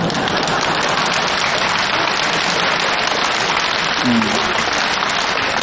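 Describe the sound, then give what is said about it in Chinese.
Warm, sustained applause from a crosstalk (xiangsheng) comedy audience, who also laugh; a dense, steady wash of many hands clapping at an even, loud level throughout, with no clear pause or fade. “这回掌声就热烈了，大家伙也笑了”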